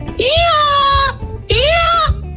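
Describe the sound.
A person imitates a donkey's bray with two long, loud, nasal cries, each about a second, separated by a brief breath. It comes out sounding more like a bleat.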